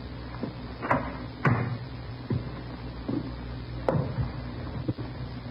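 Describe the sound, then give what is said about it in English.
An apartment door being tried and worked open: a series of solid clunks and latch clicks, about six irregularly spaced knocks over several seconds, with a low hum underneath and no voices. “Better try the door, huh?”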